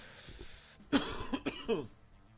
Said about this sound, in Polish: Kaszel od ruskich fajek.